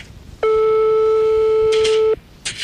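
A single long telephone ringing tone as Fun Radio dials a listener's phone number on air: a steady, loud, mid-pitched buzz-like note held for nearly two seconds, then cut off, followed by brief soft rustling noises.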